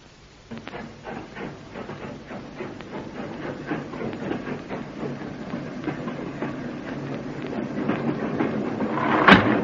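A night train to Glasgow runs steadily along the rails, its wheels clicking in a regular rhythm over a deep rumble that grows louder, ending in a brief sharp hiss.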